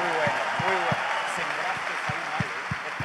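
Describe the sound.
A steady wash of clapping for a pastor fills the whole stretch at an even level, with a few voices rising through it and soft low thumps every few beats.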